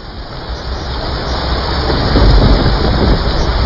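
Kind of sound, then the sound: nature, heavy rain pouring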